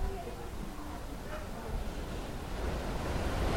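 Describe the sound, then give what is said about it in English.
Ocean surf in the middle of the Atlantic rushes in a continuous, hissing roar of breaking waves, fairly loud, swelling slightly toward the end, with some wind noise mixed into the wash. “So we're listening to this surf.”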